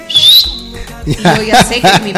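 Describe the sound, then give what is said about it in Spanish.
A person whistles a short, bright, characteristic call that slides upward and ends abruptly, loud. A moment later someone starts talking. “Pero eso de los silbidos me hace acordar a cuando mi papá a veces de lejos llega y me hace ese silbido de característico, ¿no?”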